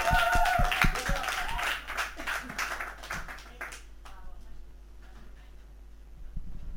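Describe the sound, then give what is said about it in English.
A small group claps for Res Radio in quick, uneven bursts for a few seconds, then the applause thins out and dies away into low background murmur. “So let's applause for Res Radio.”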